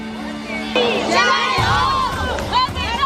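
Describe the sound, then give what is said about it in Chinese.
A large cheering squad of over 200 members of a Huaibei city square-dance group, many aged over 60, with about 100 children from a dance arts centre, shouts and cheers for the Huaibei team in loud, overlapping bursts, with rising and falling voices sustained throughout. “我们这是一个淮北市的广场舞群，然后呢，我们这200多人组成一个啦啦队，大家都在一块儿，反正开心，为淮北队加油。”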